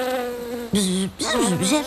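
Bees buzz steadily, a droning hum that swells into louder bursts and slides up and down in pitch, fairly loud.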